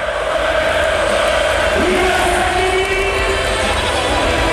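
A large crowd roars steadily with loud, continuous massed voices, a rising collective chant of Evan Fournier's name swelling midway through before settling back into the dense din.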